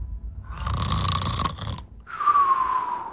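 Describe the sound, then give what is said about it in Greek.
A voice imitates snoring: a raspy, rattling inhale followed by a brief pause and a sharp whistling exhale, loud, with no talking. “Όταν θα το λέω και δεν θα το βάζεις, θα κάνω ότι ροχαλίζεις, εντάξει.”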